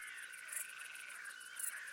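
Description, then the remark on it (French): A mole cricket at the Site du Malsaucy, Territoire de Belfort, France, near the observatory at the end of the night on 9 July 2003, gives a steady, unbroken churring trill at moderate volume. Fainter, higher-pitched insect pulses tick rhythmically in the background. No one speaks. “Une courtilière.”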